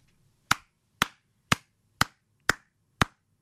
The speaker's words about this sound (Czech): Tak tleskám Kubovi za to, že je skvělý manžel a táta a tleskám Petře za to, že ho takhle krásně umí pochválit.